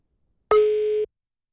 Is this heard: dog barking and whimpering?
no